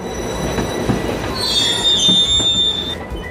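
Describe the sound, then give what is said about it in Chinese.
China-Europe Railway Express freight train wheels squeal sharply against the rails, a high sustained screech over a steady low rumble of rolling cars, loud, with no voices. “2011年3月19日，全国首趟中欧班列从这里出发，驶往德国的杜伊斯堡。”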